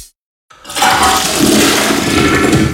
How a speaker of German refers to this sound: die Toiletten läuft nicht ab. Komm mal schnell.